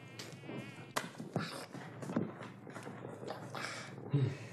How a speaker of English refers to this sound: Mosquitoes, you know.